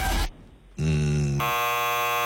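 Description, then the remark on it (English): An electric car's chime when it is put into park and the brake is pressed and released: a brief noisy burst, a short gap, then two loud, sustained buzzy electronic tones in succession, the second shifting pitch. No one speaks. “So when you put your electric car into a park and you press the brake and you release, it makes that sound.”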